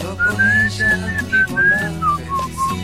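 Someone whistles a song melody, a clear, wavering tune of held notes that rise and fall over steady music underneath, fairly close and prominent throughout.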